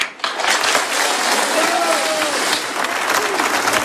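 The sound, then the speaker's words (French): A crowd at a public tribute to Charlie in Concarneau applauds Perrine Dalin's words loudly and steadily, dense clapping filling the whole stretch without pause, with a few faint voices or whistles rising through the noise. “Les mots de Perrine Dalin, donc acclamés par la foule tout à l'heure en préambule de cet hommage populaire à Charlie à Concarneau.”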